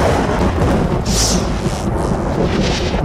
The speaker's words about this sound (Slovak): To bola riadna šupa. Tuším, že sme v centre búrky.